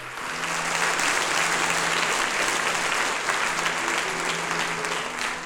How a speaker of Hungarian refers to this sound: Ez a taps természetesen nem csak a tisztelet, hanem a szeretetnek is a jele.